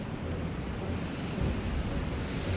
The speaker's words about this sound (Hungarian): Feltámadt a szél.